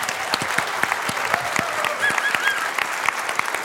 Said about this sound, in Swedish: Hej och välkomna ska ni vara till det politiska spelet från Konserthusteatern i Karlskrona. En stor applåd till vår publik.